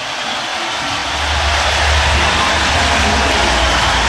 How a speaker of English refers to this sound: This crowd has witnessed a remarkable basketball victory for their Cornhuskers. Listen to the crowd here for just a second.